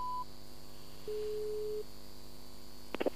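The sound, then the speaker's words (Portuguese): A telephone line tone after the other person hangs up a phone call: a short high beep, then one steady lower tone lasting under a second, followed by a few quick faint clicks, with no voices. “Caiu a chamada, Mário.”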